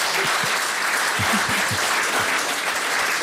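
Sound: audience applause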